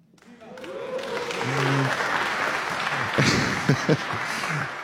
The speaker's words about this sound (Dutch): Ja, even peilen. Het applaus was natuurlijk veelbelovend. Maar even peilen, dames en heren, hier aanwezig in Studio 1 van Heuvel aan Hilversum.